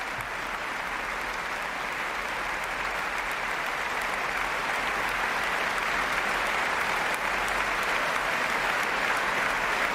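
Sustained audience applause after a violin concert with the Orquesta Nacional, as soloist Valerie Steenken takes her bows and receives a bouquet; a dense, steady wash of many hands clapping that stays loud and even for the whole stretch, with no voices standing out.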